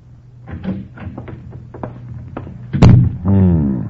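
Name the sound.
door opening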